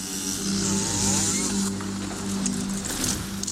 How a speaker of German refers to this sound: Eine halbnackte Frau steht mit einer Kettensäge vor einem großen orthodoxen Holzkreuz und sägt es kurzerhand um.